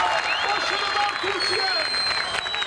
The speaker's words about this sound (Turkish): İzmir'de ise Konak Meydanı'nda dev ekran kuruldu. Çok sayıda kişi Türk bayraklarıyla tezahüratlarla milli takıma destek verdi.